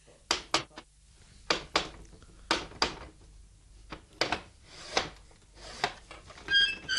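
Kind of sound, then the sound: household object, knocking on a door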